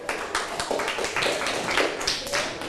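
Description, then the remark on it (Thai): A group of children in a classroom clap together for their classmates in group 3 after a correct answer in a maths lesson, a steady patter of many small hands lasting a few seconds at moderate loudness with no voices. “ได้มาเป็น441ตารางเซนติเมตรเป็นคำตอบที่ถูกต้องปรบมือให้เพื่อนกลุ่มที่3ค่ะ”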